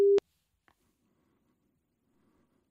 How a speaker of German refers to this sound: An allen drei Orten sind Menschen bereit und warten, dass es klingelt, dass das Telefon klingelt. Und da klingelt's, so klingelt's bei mir. Wo klingelt's denn am anderen Ende?